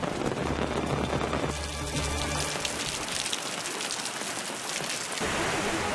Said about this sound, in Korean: 빗소리를 따라 사람들이 모여들고 이내 메말랐던 암벽 위로 물줄기가 피어오릅니다.